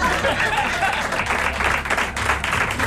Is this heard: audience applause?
yes